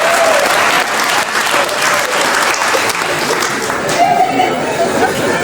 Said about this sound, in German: Was gibt's denn da zu klatschen?